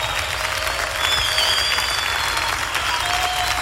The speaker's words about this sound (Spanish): Te aplaudimos a ti, Jesús.